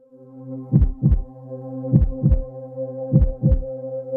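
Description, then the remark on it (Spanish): A heartbeat sound effect introducing the 'El pulso' segment of the radio show Hoy por Hoy: three evenly spaced double thumps, deep and punchy, over a steady low humming drone that sustains throughout, with no one speaking. “El pulso de hoy por hoy.”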